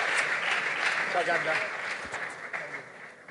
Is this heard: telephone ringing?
no